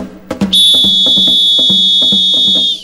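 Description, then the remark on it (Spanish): A loud, shrill whistle holds one steady high note for over two seconds, sounding over a quick, rhythmic thumping beat that begins just before it. “Chifla más largo ahora.”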